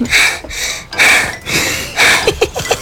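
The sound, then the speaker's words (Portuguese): Heavy, out-of-breath panting of a woman client arriving at a studio: rapid, breathy gasps repeating roughly twice a second, growing quicker and choppier toward the end, with no talking. “Até que a primeira cliente chega. Onde sem fôlego?”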